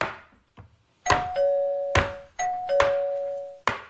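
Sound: doorbell ringing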